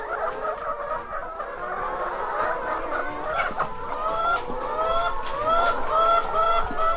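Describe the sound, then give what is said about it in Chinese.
A flock of ISA red-shell laying hens in a poultry shed clucks and chatters continuously, many overlapping mid-pitched calls forming a dense, busy murmur that grows slightly louder toward the end, with no one speaking. “因为鸡这种禽类吼，它有爪子，它会自己抓住这一个”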